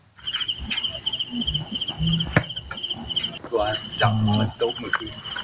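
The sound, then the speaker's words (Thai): Recorded insect calls played by villagers at night with a purple light bulb to lure giant water bugs, at a hut in a cassava field at Ban Nong Hin Dap, Khon Buri district, Nakhon Ratchasima, Thailand: a steady, high-pitched chirping trill repeating in rapid pulses, with a sharp click and low murmuring voices beneath. “สิ่งที่ทำให้แมงดาหลงกลมาติดกับนะครับก็คือหลอดไฟสีม่วงพร้อมอุปกรณ์บันทึกเสียงแมลงที่ชาวบ้านเขาเอามาเปิดล่อครับที่กระท่อมกลางไร่มันสำปะหลังท้ายหมู่บ้านบ้านหนองหินดาบตำบลสะว่านพระยาอำเภอคอนบุรีจังหวัดนครราชสีมาครับใช้ล่อจับแมงดาตามภูมิปัญญาแบบชาวบ้าน”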